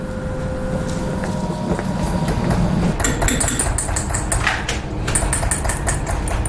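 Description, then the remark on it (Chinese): Rapid, bright metallic taps ring out in a steady run over a constant low mechanical hum, a small hammer striking metal in filigree metalwork, each simple tap leaving a dot. “简单的敲一下，我就这么一下，它是不是一个点？”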